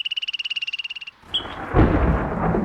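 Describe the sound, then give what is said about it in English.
A frog's rapid, pulsing trill stops abruptly, followed after a short pause by a loud thunderstorm rumble that rolls on in a deep, broad wash of sound. “Are you ready for storm season?”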